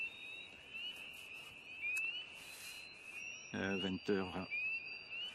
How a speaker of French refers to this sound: 20h25. Crapaud d'Amérique. Et très haut. Ouais, 1. Renette. 3, hein. Ouais, 3. Toujours, un bon 3. Et les grenouilles des bois, ça s'est calmé un peu. Ouais, peut-être 1.